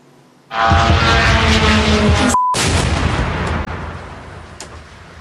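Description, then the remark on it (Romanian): Russian attack drones roar overhead during a massive night attack on Ukraine's capital, in a sudden, loud burst of engine noise with a harsh buzzing drone. After a brief cut the noise continues before fading slightly. No one speaks. “Ținta principală este chiar capitala, unde cel puțin două rachete balistice și mai multe drone au lovit zone rezidențiale.”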